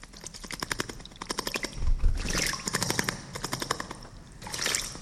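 A small bird bathing in water: quick bursts of rapid fluttering splashes, sharp and crackly, repeating in short clusters with brief pauses between them. No one speaks.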